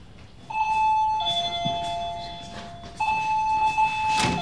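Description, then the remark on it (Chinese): An electronic doorbell rings repeatedly in sustained two-tone chimes, a high steady tone over a lower one, starting again after a brief change in pitch, with faint background noise beneath. “别摁了，开门了，这怎么又来了？”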